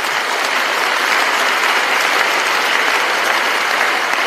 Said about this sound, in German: Ich meine, hier sollte doch ein Applaus fällig werden.